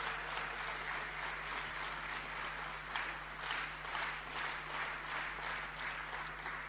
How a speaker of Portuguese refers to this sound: Eu queria pedir uma salva de palmas.